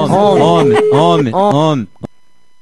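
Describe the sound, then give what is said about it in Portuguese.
A human voice imitates a horse's whinny, producing three loud, wavering, pitch-bending neighs in quick succession, followed by a brief quiet click. “A pessoa sendo besta, ela imita qualquer coisa, é mamãe, cavalo.”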